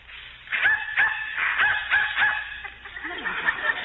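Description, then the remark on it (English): A dog barks in a rapid series of sharp, yappy barks, about six or seven in a steady rhythm, fairly loud, with no voices over it, in response to a dog whistle that humans cannot hear. “Dog heard it, but I didn't.”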